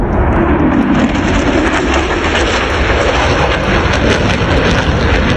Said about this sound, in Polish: Łódź dołączyła do miast, nad którymi jutro przelecą najnowsze polskie samoloty bojowe F-35. Chwilę po 9:00 samoloty wystartują z bazy w Łasku i polecą w stronę Trójmiasta.